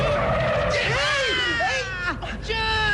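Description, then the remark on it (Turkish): Bus tires skid to a halt with a loud, high-pitched screech that wavers and bends in pitch, holding for about three seconds, as the bus nearly runs over a child crossing the street. “Kolundan tutup çekmeseydim az da otobüsün altında kalacaktın.”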